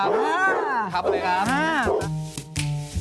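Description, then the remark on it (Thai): A pit bull dog kept at a home gives several drawn-out, rising and falling barks, one after another, before a man's voice speaks briefly over the end. “นี่เป็นเจ้าของเสียงเมื่อกี้ใช่ไหมครับเนี่ย ครับผม ครับดุไหมครับเนี่ยจับได้ไหมฮะ จับได้ครับ”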